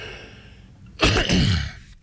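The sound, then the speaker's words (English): A single harsh cough bursts out after a moment of near silence, rough and breathy with a second push before it fades. No one speaks. “Sorry, folks, I've got a little bit of a cough.”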